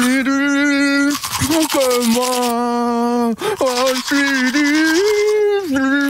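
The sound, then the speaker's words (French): A man sings a sustained, wavering melody while brushing his teeth with a manual toothbrush, the rapid bristly scrubbing noise running continuously under his voice throughout. “parce que lui se brosse les dents tous les week-ends, la semaine aussi avec la brosse à dents électrique et le week-end c'est la manuelle, parce que c'est plus sympa évidemment pour chanter.”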